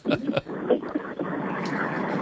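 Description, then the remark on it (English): Steady car noise from a caller driving to the dump rumbles and hisses through a narrow, bad phone connection, a continuous even wash with a few brief voice-like bursts near the start. “Because we got a little car noise going in there.”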